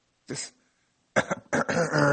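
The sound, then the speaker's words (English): Someone imitates the engine of a car over 10 years old sputtering as it tries to start: a short rough burst, a pause, then a stuttering run of throaty bursts that settles into a sustained rumble, fairly loud. “I guess that's a bad engine noise.”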